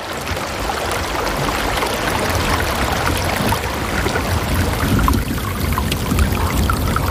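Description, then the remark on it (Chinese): Steady rushing water of the Tagliamento River, about 5 km south of its source, flows without pause through a silent, snow-covered forest: a broad, even wash of churning noise with a soft gurgle on top and no voices. “河水不停歇地流淌着，穿过这片寂静而迷人的白色世界。”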